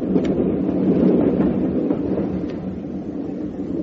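A train rumbles steadily along the rails, a dense low roar with faint rhythmic clicks and rattles running through it, fairly loud with no voices.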